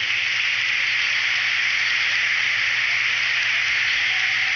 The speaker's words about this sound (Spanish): ¡Que viva el patrón Santiago! ¡Que viva! Que se sienta ese aplauso a nuestro patrón.